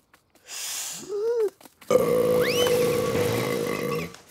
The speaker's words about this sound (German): Tut mir leid, ich muss Rülpsen üben.